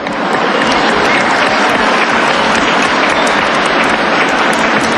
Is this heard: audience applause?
yes